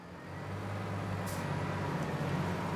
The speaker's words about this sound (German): Der Trecker schafft es nicht.